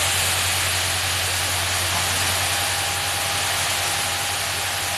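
A steady, loud engine drone with a deep low hum and a constant mid-pitched whine from more than a dozen fire engines from four stations arriving and idling on narrow forest paths in Saarland at a smoking cleared area, running unbroken with no voices.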